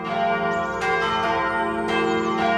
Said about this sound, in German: Es ist Sonntag, es läuten die Glocken, hier gerade die der Chemnitzer Schlosskirche. Als Christ freue ich mich immer, wenn die Kirche mit ihrem warmen, vollen Klang über Berg und Tal, über Wald und Wiesen, Häusern und Straßen vernehmbar wird.